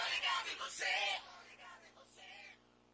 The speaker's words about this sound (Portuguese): vai estourar o gritão.